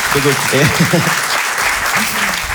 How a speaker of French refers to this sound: Un applaudissement,